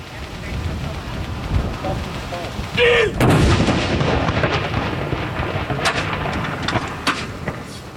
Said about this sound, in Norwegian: Det er altså 21 skudd i alt som skal avfyres. Og så er det da som vanlig ved sørgesalutt, så er det 30 sekunders pause mellom hver avføring.